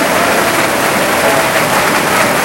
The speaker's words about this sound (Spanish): Gloria a Dios, hermano. Dele palmas y gloria al Señor, hermano.